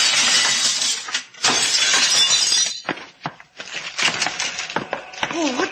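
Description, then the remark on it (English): Loud, sustained crash of glass shattering as a machine is smashed, with bursts of breaking and tinkling shards over several seconds, followed by scattered clinks and a brief vocal sound at the end. “Watch out for the flying glass”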